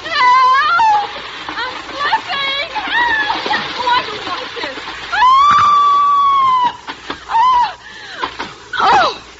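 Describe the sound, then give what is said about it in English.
A person screams loudly in a series of wavering, drawn-out cries while sliding down a rope, the pitch swooping up and down, with a long sustained wail in the middle and short yelps near the end. “And now, scream convincingly as you slide down, darling.”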